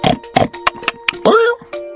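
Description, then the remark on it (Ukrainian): A wild boar in a forest among tall bushes grunts and snorts in a string of short, rough bursts, ending with a longer, rising squeal-like grunt, over a steady low musical tone. “Вітаю, пане вепре.”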